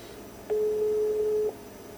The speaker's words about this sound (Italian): Facciamo di fare tutti gli squilli che si possono fare.